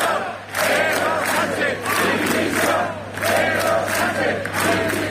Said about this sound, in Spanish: Gritos pidiendo la dimisión de Sánchez, también aquí en Navarra la de Chivite, pero no solo dimisión, también hubo insultos, empujones al final de la concentración de Pamplona